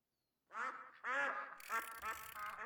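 Several ducks quack loudly, a burst of overlapping nasal calls that continues for a couple of seconds after a brief silence.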